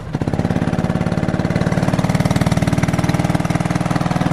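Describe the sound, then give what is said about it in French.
A small go-kart engine on a track runs loudly, its rapid, even putter holding steady for a few seconds with a slight surge, with no voices over it. “C'est prêt là, vas-y, fais-nous grogir ton moteur là.”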